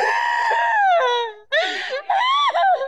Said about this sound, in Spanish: ¿Qué gritas, diablo? ¿Qué te está pasando? ¿Qué te está pasando? ¿Qué te está pasando, Satanás? ¿Por qué gritas?